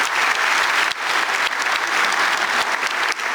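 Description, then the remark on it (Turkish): Loud, sustained audience applause fills the whole stretch, a dense wash of many hands clapping at once with no pauses and no voices standing out. “Alkışlarınız biraz daha kuvvetli olsun, çok önemli.”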